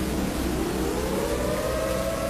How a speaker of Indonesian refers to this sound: Nah, itu sirine toh. Bapak dengar sendiri tuh. Ya Allah, Damo Ella sudah jebol.